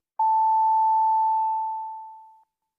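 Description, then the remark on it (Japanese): A radio time signal's long closing tone marking 11 o'clock, announced on behalf of the company Orient: one steady, fairly high-pitched sine beep starting sharply and holding for about two seconds before fading out, with no voices. “地元と地球を応援する企業オリエントが11時をお知らせします。”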